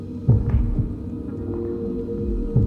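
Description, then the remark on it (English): A low, muffled heartbeat thumps under a steady droning hum, with a few soft pulses spaced unevenly across a couple of seconds. No one speaks. “But the only thing I hear is my footsteps and my own heartbeat.”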